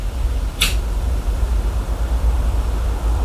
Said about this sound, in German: Ich höre die Klimaanlage. Ich höre Vögel. Ich höre Verkehr.